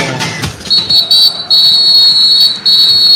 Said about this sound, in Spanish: El árbitro, el señor Joao Pinheiro, suena el pitazo y dice que el partido en la primera parte desde el estadio de Kansas City ya arrancó.